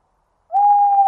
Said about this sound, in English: Deep in the wood, I heard a bird. Tu-wit, tu-woo. I said to the woodland bird I heard, "And who are you?" "I am an owl, a woodland owl. How do you do, tu-woo? Tu-wit, tu-woo."